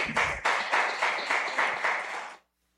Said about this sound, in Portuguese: Eu gostaria, uma salva de palmas ao nosso querido pastor também, que está aqui junto com a gente.